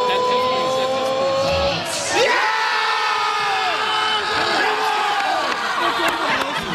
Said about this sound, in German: Später dann noch so viele weitere Jubel, wie hier beim Elfmeter-Tor von Kai Havertz zum Beispiel.